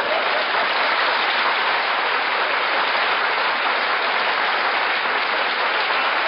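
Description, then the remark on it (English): Loud, sustained applause from a crowd, a dense wash of many hands clapping at once that holds steady for several seconds with no voices standing out. “Don't applaud, please.”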